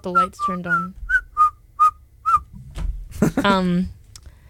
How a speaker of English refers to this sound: That's him whistling.